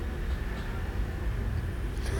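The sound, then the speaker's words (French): A steady low rumble of street traffic on rue du Four near boulevard Saint-Germain, with cars, vans including a blue van, taxis, a moped and a motorbike going by in a continuous wash of engine and road noise rather than distinct passes, moderately loud and without any voices. “Une camionnette Polaris, taxi, mobilette, voiture, moto, voiture, camionnette bleue, voiture, camionnette, voiture, taxi, voiture.”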